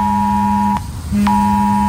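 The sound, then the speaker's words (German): A shrill emergency warning alert blares from a mobile phone during the Warntag test of alarm systems in Thuringia, Germany: a loud, harsh, steady electronic tone with a buzzing low layer, briefly dropping out mid-way before resuming. No one speaks. “Schrillende Handys und heulende Sirenen, darauf solltet ihr euch heute Vormittag einstellen.”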